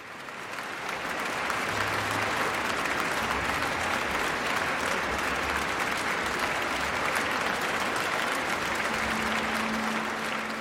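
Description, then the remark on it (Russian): Sustained, dense applause from the audience in the Tchaikovsky Concert Hall for Mikhail Pletnev and the Russian National Orchestra after Rachmaninoff's Symphony No. 3 in A minor, Op. 44, at a concert on 19 December 2009. It rises quickly in the reverberant hall and holds steady at full strength for about ten seconds, with no speech over it. “Заслуженные овации публики, концертного зала имени Чайковского, маэстро Плетневу и музыкантам РНО.”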